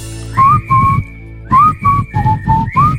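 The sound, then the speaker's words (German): A bright whistled pop melody of about six clear, sustained notes in two short phrases, separated by a brief pause, played over a soft rhythmic backing. “Musste ich jetzt mal ausprobieren, die Pfeiferei.”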